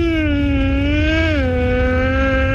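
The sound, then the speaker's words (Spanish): A child's voice imitates a racing motorcycle engine with a loud, continuous buzzing drone that rises slightly and then drops in pitch, held steadily for a couple of seconds. “Y esta es mi moto de carreras.”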